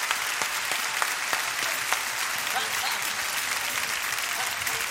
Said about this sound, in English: Well, somebody clap to Jesus tonight.